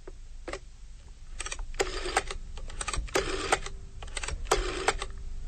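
A rotary telephone dial turns and spins back several times, each return a quick train of sharp mechanical clicks, with short pauses between the bursts and no voices.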